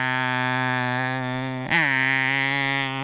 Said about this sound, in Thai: จักรจันทร์พวกนี้มันก็เจาะเปลือกต้นไม้ทะลุไปดูดกินน้ำจากต้นไม้ที่อยู่ภายในต้นไม้ตัวผู้มันจะทำเสียงแข่งกันที่เราได้ยิน